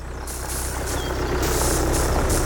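A tractor engine runs steadily for a couple of seconds, a loud, continuous rumbling drone with a hissy mechanical texture and no one talking.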